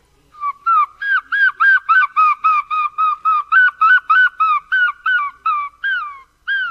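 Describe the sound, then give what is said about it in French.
A person imitates a herring gull's call: a loud series of about sixteen rapid, nasal yelping notes in a steady rhythm, rising slightly then trailing off, with no talking. “Alors moi, le premier oiseau, c'était le goéland argenté, celui-là.”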